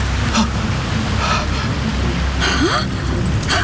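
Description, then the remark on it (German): Steady rushing surf with waves washing in at irregular intervals, each swell a brief louder hiss over a constant low roar; a short rising chirp cuts through near the end. “Brandungsgeräusche! Wellen schlagen an einen Strand.”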